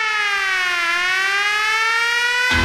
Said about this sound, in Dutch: Die begint een beetje apart. Die begint zo. Met een sirene.